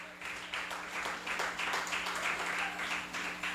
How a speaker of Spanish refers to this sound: Dele aplauso al Señor y puede sentarse.